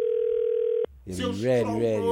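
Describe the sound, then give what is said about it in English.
A phone rings with a steady, electronic tone that lasts under a second and then cuts off abruptly. A loud voice follows right after. “better answer that phone.”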